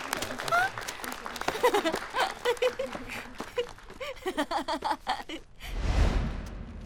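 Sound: group applause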